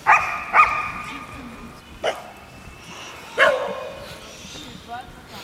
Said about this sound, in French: J'ai envie d'interviewer les chiens, parce qu'ils ont l'air de s'exprimer. Mais ils ont envie de parler.